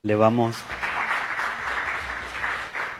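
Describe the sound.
A voice briefly trails off, then an audience breaks into steady, sustained applause for the panel of participants, a dense wash of clapping that holds at an even, moderately loud level until the end.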